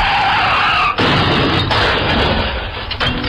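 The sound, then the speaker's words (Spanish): Car tires screech in a loud skid for about a second, then a heavy, dense crash of crunching impact follows, with no voices; a car accident sound effect in a Spanish-language advertisement. “Un accidente de auto le puede costar su salud, dinero o hasta la vida.”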